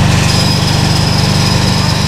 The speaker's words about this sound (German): Ja, ich habe gedacht, es ist ein Presslufthammer.